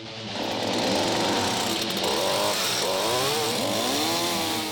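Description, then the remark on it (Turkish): A next-generation chainsaw with a small, fuel-efficient engine runs steadily, its engine snarling loudly with rising and falling revs throughout, no voices over it. “Şirket 80 yılı aşkın bir süredir zincirli testere imal ediyor.”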